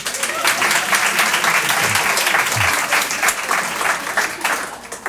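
A crowd claps steadily for several seconds, a dense, sustained burst of applause with a few faint voices mixed underneath, as the audience answers by applause who used to collect cartridge balls.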